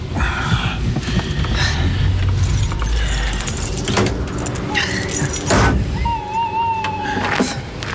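A car engine rumbles steadily as the vehicle rolls in and parks directly behind another car, coming to a stop, with metallic clinks and a brief high squeal near the end.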